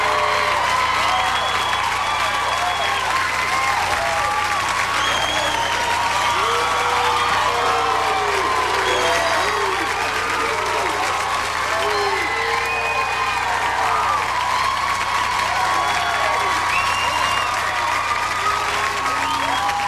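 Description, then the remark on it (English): Loud, sustained applause from a large audience welcoming a man being introduced on stage, with cheers and whoops rising over the dense clapping throughout, steady and undiminished from start to finish. “Ladies and gentlemen, come on. Give it up for the man,”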